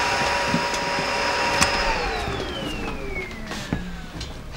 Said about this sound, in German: Staubsaugen kannst du später.